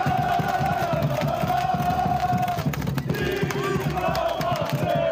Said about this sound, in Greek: οι Μαροκινοί οπαδοί έστησαν ένα πάρτι στη Βοστόνη με φωτοβολίδες, πυροτεχνήματα και συνθήματα, δηλώνοντας έτοιμοι να πάρουν εκδίκηση για την ήττα από τη Γαλλία στο προηγούμενο Μουντιάλ.